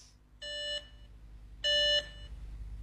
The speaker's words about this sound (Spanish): Teléfono ocupado.